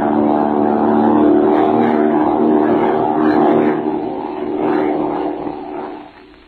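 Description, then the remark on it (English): A propeller airplane engine roars steadily in flight, a loud, constant droning hum with a rough edge that holds for several seconds before easing off at the end. “You'll have to sing loud to be heard over this motor.”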